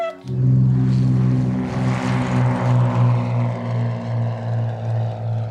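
A steady propeller airplane engine drones loudly in flight, with a strong low hum that pulses slightly in a regular rhythm throughout, no voices heard.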